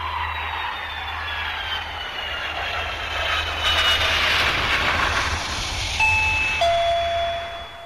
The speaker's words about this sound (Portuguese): campainha tocou, você já sabe, notícias de Brasília na área.